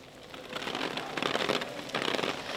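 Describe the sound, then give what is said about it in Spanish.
A dense, steady hiss of heavy rain pouring down in the city of Teruel, Aragón, Spain, on an evening of intense rain and storms under an orange weather warning, crackling and pattering, swelling slightly louder in bursts with no voices present. “Eso sí, como podéis comprobar, está arreciando en Teruel capital.”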